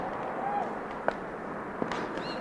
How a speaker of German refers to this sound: Das sind Schritte im Klosterhof. Ja, ganz deutlich. Schritte von 2 Männern mit klobigen Schuhen. Die beiden gehen durch das Tor hinaus auf den Weg.